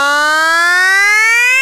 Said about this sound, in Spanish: ¿Pasear encima de una ambulancia a toda velocidad mientras grito: ¡Nino, Nino, Nino, Nino!